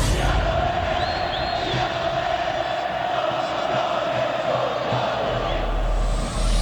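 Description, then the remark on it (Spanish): A large crowd of Club Bolívar football fans roars and shouts their goals continuously, a dense wall of cheering voices at steady high volume, with scattered whoops rising above the din throughout. “Gritando sus goles.”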